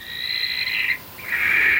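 A barn owl gives two long, high, shrill calls separated by a brief pause, the second slightly lower and steadier, fairly loud with no voices present.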